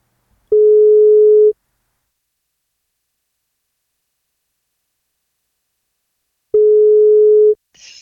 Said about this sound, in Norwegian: Men hun må svare når vi ringer.